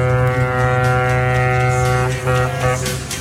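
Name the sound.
ship horn blast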